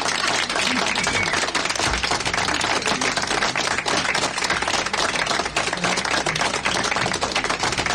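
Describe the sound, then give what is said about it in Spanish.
Sustained applause from a crowd, a dense, steady wash of many hands clapping at once that keeps the same loudness for the whole stretch, with no voices breaking through, given for the young people of Tercera Llamada. “Aplauso que se oiga.”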